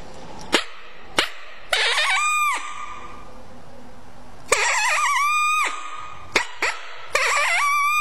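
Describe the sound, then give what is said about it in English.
A mouth call imitates a smaller, less dominant coyote: a few sharp barks, then a short rising howl that cuts off abruptly, with the bark-and-broken-howl pattern repeating. No one talks. “You can hear it's a couple of barks and then a short howl, and then it breaks off.”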